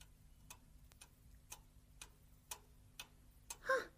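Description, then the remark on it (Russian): A clock ticks steadily, about two crisp ticks per second, clear against a quiet background, with a short tonal ring sounding near the end. “Ох, часы чик-чик-чик.”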